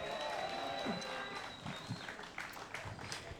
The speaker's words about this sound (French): Merci encore. On peut les applaudir. On peut les applaudir.